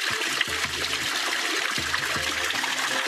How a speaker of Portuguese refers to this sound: É uma água, tem uma temperatura amena. Essa água que corre na torneira embaixo, na bica. Então eles vêm para isso, para tomar o banho de bica.